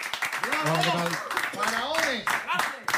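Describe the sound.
An audience applauds with dense, steady clapping that fills the whole three seconds, while several voices whoop and call out over the applause.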